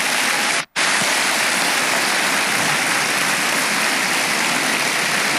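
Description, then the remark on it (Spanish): A church audience applauds for the Lord in a dense, steady roar of clapping that holds loud for several seconds, broken only by a brief drop to silence near the start, with no voices over it. “Solo por eso dele un aplauso al Señor, hermanos.”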